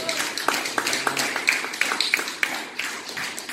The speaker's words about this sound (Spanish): ¿Usted lo cree? Denle un aplauso de gloria al Señor.